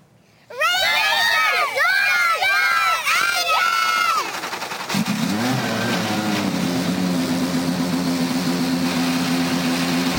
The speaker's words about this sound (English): Let's go trackside to fire the engines. Here to give the command to start the engines, your Grand Marshals for the Indy Next by Firestone Grand Prix of Portland, the Grand Prix of Portland rookie racers.